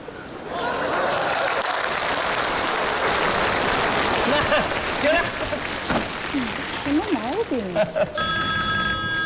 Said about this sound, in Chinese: 电话响三声，那老婆就知道我在外边平安了。那老婆神经衰弱，她要是听不见这三声电话，